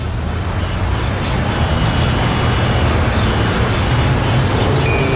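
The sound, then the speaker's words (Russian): A bus arriving with a loud, steady hiss of air brakes over a low engine rumble, continuous for the whole stretch with no one speaking. “Вот и наш автобус.”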